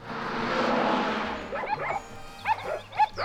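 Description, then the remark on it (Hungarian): A second of rushing, wind-like noise gives way to several sharp dog barks in irregular bursts, with a low rumble underneath; the dogs are harnessed to pull a cart, and the third dog, which has only three legs, is not pulling. “az a harmadik kutya nem húz.”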